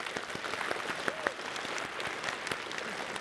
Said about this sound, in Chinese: 来给我们的小组长区牧们一起鼓掌鼓励一下。